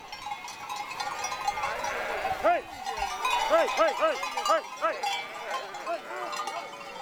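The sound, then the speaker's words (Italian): A flock of sheep bleating over a steady jangle of bells as shepherds drive them across the mountains in cold weather. Several animals call in overlapping, wavering cries while the bells clank continuously underneath. “Nessuna pecora è andata persa.”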